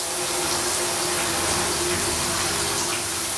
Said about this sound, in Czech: Vodu mám! Je, Ušoune, podívej se na ten vodopád. Jo, no jo, ten je super. Vypadá jako hodně vysokanonámská sprcha.